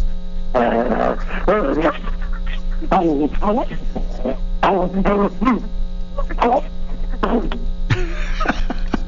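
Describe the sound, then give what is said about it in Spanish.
A person imitates a female dog named Luna barking, giving a quick series of short, voiced yelps and woofs over a steady low electrical hum. “¿estás listo para dar tu mejor performance de ladrido de la historia?”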